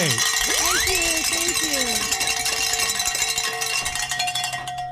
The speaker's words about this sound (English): I've got some good news here. Ring some bells.